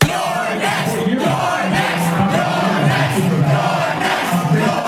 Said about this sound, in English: That is the crowd of overwhelmingly young, white, high-income progressives chanting, "You're next," as Hakeem Jeffries comes on television.